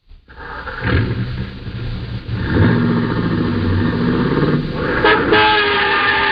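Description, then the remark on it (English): A car engine revs loudly and pulls away, with several blaring horn honks over steady street traffic noise; no one speaks. “And as you hurry downstairs to your own car, you know that if two and two make four, your first job is to stop a murder.”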